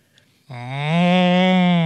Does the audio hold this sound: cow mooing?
yes